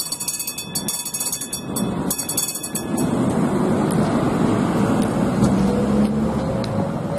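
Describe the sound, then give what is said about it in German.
Railcar 1525 rolls in on the tracks after a three-hour photo special run, its rumble swelling and holding steady, with high metallic squealing and sharp clicks early on and no voices. “Nach 3 Stunden Fotosonderfahrt erreichte Triebwagen 1525 wieder.”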